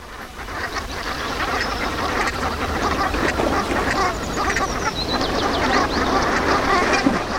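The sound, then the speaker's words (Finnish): A large flock of brant geese calls steadily, a dense, continuous chorus of throaty, overlapping croaks and honks at moderate loudness, with no voices and no pauses throughout. “viikon luontoääni Sepel Hanhi, esittelijänä Juha Laaksonen.”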